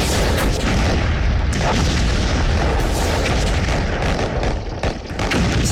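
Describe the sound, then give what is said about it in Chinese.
A loud, relentless barrage of explosions and artillery booms at Incheon harbor on Korea's west coast at dawn on 15 September, as US X Corps lands under dense fire from aircraft and warships; blasts overlap into a continuous deep rumble with sharper cracks punching through, sustained without pause. “9月15日凌晨，随着爆炸的火光和轰天巨响，整个仁川港陷入一片火海。”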